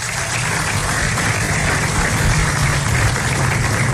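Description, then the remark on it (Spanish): An audience applauds standing officials, including city councillors of the Distrito Nacional, a tourist taxi guides' association and neighbourhood board presidents, at a Dominican tourism event. The applause is a steady, dense, even wash of many hands clapping at a constant loud level for four seconds, with no voices standing out. “a la Asociación de Guía Turístico de Taxistas, presidente de Junta de Vecinos, a los regidores que están aquí del Distrito Nacional, que por favor se pongan de pie, un aplauso para ellos.”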